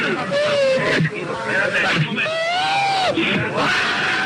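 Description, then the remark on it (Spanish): A man having a nervous attack sobs and wails in long, wavering, high-pitched cries, loud, with strained breaths between the outbursts. “Tiene un ataque de nervios”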